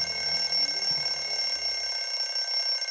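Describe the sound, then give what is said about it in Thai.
A clock rings loudly and continuously to mark twelve noon, lunchtime: a steady, high metallic ringing that fills the whole moment with no pauses and no voices. “โอ้ยไม่ต้องกลัวหรอกนะจ้าฟาฟานาฬิกาเขาแค่บอกเวลาว่าตอนนี้เป็นเวลาเที่ยงตรงแล้วได้เวลากินข้าวกลางวันแล้วจ้า”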